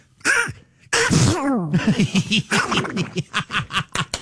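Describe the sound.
A voice imitates Donald Duck sneezing: a short wheezy intake, then a loud explosive sneeze followed by a rapid string of nasal, quacking sputters that fade out.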